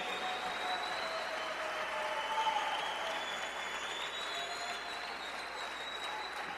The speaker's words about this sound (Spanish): Gracias, gracias, el aplauso al rey.